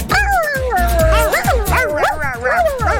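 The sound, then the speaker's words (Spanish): A voice imitates a puppy with a run of high, bending yips and whimpery barks, about a dozen in quick succession, over a steady low thumping rhythm underneath. “Mamita, ¿tú sabes qué le dijo un cachorrito a su papá?”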